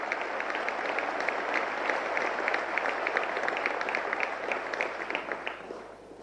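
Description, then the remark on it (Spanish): Sustained applause from a large audience welcoming former Argentine president Mauricio Macri for his keynote lecture, a dense steady patter of many hands clapping at even loudness for about six seconds before tapering off at the end. “Recibimos con un fuerte aplauso al ingeniero Mauricio Macri, expresidente de la República Argentina.”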